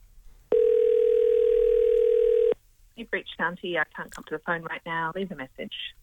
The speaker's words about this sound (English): Okay, let's give Shanti a call. I've got a number. Let's dial it up.